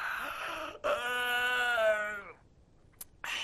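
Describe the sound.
A man's voice imitates yawning as a storyteller acts out the character Xu Liang pretending to yawn: a drawn-out, sighing vocal yawn follows a shorter one, then a brief pause, a small click and the start of another.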